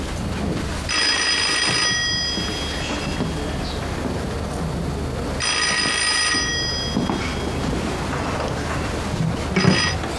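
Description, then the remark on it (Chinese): A telephone in a study rings in two long bursts with a pause between, then starts a third, loud, over a steady rumbling background like rain. “金师长，书房有您的电话。”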